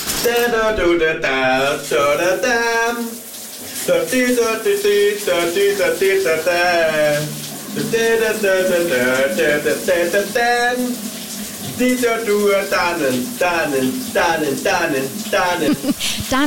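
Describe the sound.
A shower runs with a steady hiss of spraying water while a man sings a wordless, rhythmic melody over it, his voice rising and falling throughout.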